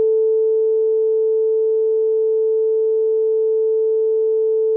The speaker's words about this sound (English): Beeping that.